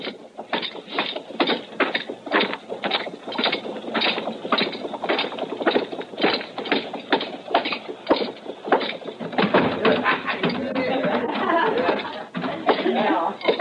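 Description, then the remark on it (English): Steady, rhythmic clip-clop of Marshal Dillon's horse's hooves at a walking pace, moderately loud, with a busier, rougher stretch of sound near the end. “Yeah, I'd like to, if you'll put my horse up for me.”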